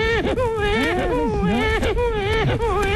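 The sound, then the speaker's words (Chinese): A man's voice mimics the crying of an infant under a year old, with wavering, rising and falling wails repeating in close succession, loud throughout, with no other talking. “小孩哭是不是？”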